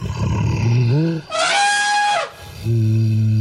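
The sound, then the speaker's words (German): An imagined call of the extinct mammoth: a deep, rumbling groan swells into a loud, brassy trumpet blast lasting about a second, then drops back to a low, steady elephant-like drone. “Also wahrscheinlich so ähnlich wie ein Elefant, nur ein bisschen tiefer.”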